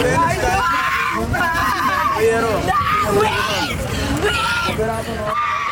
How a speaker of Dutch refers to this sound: Dan gaan we even op zoek naar de schreeuw. Hier, schreeuw.